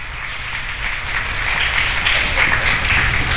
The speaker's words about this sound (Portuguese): a todos, nosso muito obrigado e uma calorosa salva de palmas.